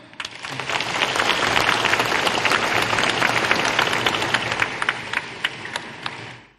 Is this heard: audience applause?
yes